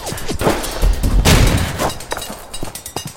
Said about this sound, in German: Ich stehe unter Beschuss.